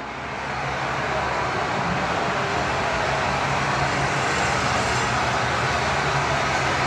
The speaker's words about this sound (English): Yesterday at Princess Auto Stadium, the Bombers were practicing to combat the unique crowd noise in Montreal.